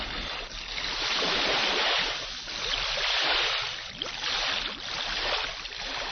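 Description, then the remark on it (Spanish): Ocean waves wash in steady, surging swells, with churning splashes rising and falling as a person swims vigorously through the water toward a group of dark rocks emerging from the waves. No voices. “Nadó vigorosamente hacia el grupo de rocas que emergían oscuras en medio de las olas.”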